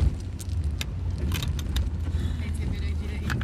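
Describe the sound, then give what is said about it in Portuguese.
Inside an old car that seems about to break down for good, a steady low engine rumble is punctuated by repeated sharp, high-pitched squeaks and rattly clicks at irregular moments. “Então, olha esses agudinhos que ele faz.”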